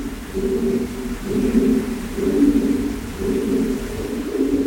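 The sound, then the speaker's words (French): Soft, repeated pigeon cooing from the other part of a cave, the low murmuring calls overlapping in steady waves and echoing, with a faint rumbling background. “On entend un peu les pigeons. Ils sont pas là où on est, ils sont vraiment dans l'autre partie de la grotte.”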